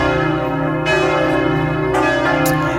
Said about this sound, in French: Les cloches, parce que c'est à 10h tout à l'heure que toutes les cloches de toutes les églises de France vont résonner pendant 7 minutes. Des cloches pour célébrer l'arrivée du pape sur le sol français,